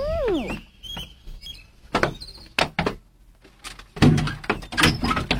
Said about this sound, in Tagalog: Abrihan ko ng pultahan.